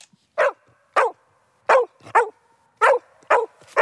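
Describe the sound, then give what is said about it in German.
A female herding dog barks excitedly as a walk sets off from Bubenreuth near Erlangen, Germany, urging on her owner as the herd: a quick, uneven series of about seven sharp, loud barks with brief pauses between them and no talking. “ist ein typischer Hütehund und beim Losgehen bellt sie aufgeregt, um die Herde anzutreiben.”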